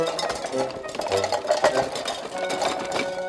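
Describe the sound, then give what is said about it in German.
Woodpecker drumming: rapid, repeated bursts of dry, wooden tapping come in uneven clusters over a steady hum of tonal background sound, fairly loud throughout. “Aber wir haben doch schon ein Waldtelefon. Unseren Specht.”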